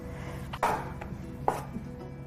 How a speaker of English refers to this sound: And then we'll start chopping up the mushrooms here.